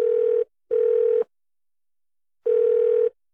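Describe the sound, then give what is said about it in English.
A telephone line tone while waiting, used in an advertisement to represent a small business's loan approval taking time: a steady, mid-pitched electronic buzz sounding in two short bursts, then a longer silence before the pair starts again. No voices. “That's loan approval taking time when you don't have it.”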